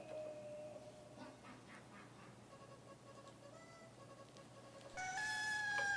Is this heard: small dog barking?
no